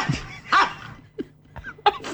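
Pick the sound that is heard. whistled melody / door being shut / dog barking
dog barking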